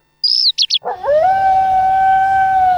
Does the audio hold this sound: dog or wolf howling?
yes